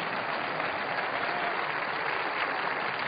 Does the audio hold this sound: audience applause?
yes